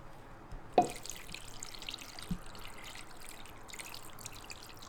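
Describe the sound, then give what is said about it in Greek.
Water pours steadily into a pot to cover chicken wings and drumsticks for boiling, a continuous splashing trickle after a brief knock near the start, with no talking. “Σκέπασμα με νερό.”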